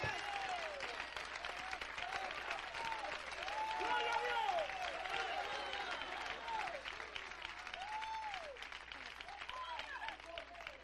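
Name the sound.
applause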